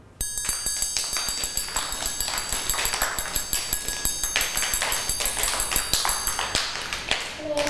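A fast rhythm played for children in a movement lesson: a steady run of quick, evenly spaced taps keeps a fast rhythmic beat throughout, with bright ringing tones sustained above the clicks and no voices.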